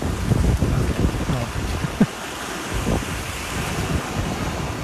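Ocean waves wash steadily onto a shore in a continuous, fairly loud roar, with gusts of wind buffeting the microphone and no voices.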